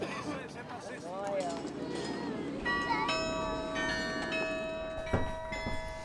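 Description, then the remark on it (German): Carillon bells ring out from a tower in a series of overlapping tones that sustain and layer after a few seconds of talking, with some background noise underneath. “Für Hieronymus Bosch soll vor allem der Glockenturm ein Ort der Inspiration gewesen sein.”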